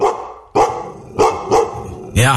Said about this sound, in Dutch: Een grote hond van 2 bij 2 en die baas was ergens ver achterin, die kwam onze kant op gerend.